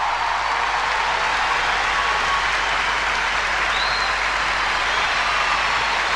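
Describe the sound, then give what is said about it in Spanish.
Steady, dense applause from a sizable audience for a group of singers fills the whole stretch, a continuous loud wash of clapping with no pauses and no voices standing out. “señores, un aplauso para ellos.”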